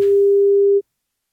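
A single steady electronic ringback tone on an outgoing phone call from a radio station to a listener for a short survey, one loud sustained beep lasting under a second before cutting off to silence.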